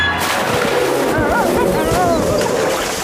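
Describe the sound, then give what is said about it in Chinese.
Splashing from someone jumping into deep, cold water at the coast: a loud, churning wash of noise lasting about three seconds, with high gliding voice-like cries over it. “快跳进水里，灰狼肯定不会跟着跳下去的。”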